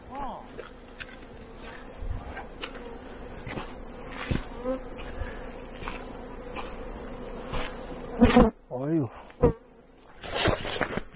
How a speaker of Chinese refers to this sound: 这个就是蜜蜂了，是吧？